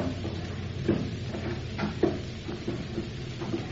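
A trap door being opened: a few dull wooden knocks and creaks spaced over several seconds, fairly quiet, above a steady low rumble with no one talking.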